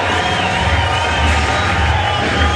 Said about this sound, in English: Crowd encouraging the left-hander out of the University of Louisiana Lafayette. That's Hogan Harris.